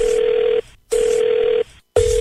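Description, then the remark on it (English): A telephone rings on the line at the start of a prank phone call: loud, steady electronic tones about half a second long, separated by brief silences, two full rings and the start of a third, with no talking. “So this lady thinks it's Google Earth, and her husband is winding her up with this phone call.”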